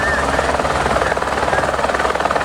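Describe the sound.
A firefighters' rescue helicopter's rotor thrums loudly and steadily throughout during a rescue at a hard-to-reach spot at Rola Moça, in the Belo Horizonte metropolitan region; a dense, pulsing roar with a voice faintly present beneath it.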